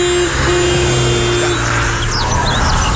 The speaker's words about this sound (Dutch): Hij zegt, wil je trouwens nog één keer klaksoneren? Even heel hard, even duidelijk laten horen. Ja, komt ie.